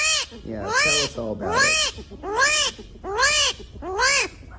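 An armadillo calls five times in a steady rhythm, each loud, whiny wail rising and then falling in pitch with a raspy edge, about one call per second, with no talking.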